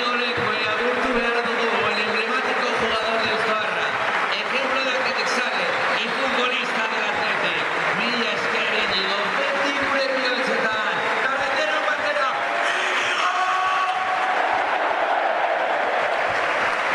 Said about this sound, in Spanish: Y ahora, claro, el homenaje es para Íñigo Lecue. Se lo va a entregar Valverde e Iñaki Williams, que le dice que paren, que notan al centro del campo. Y ahí está el aplauso de Samamés para el de Deusto.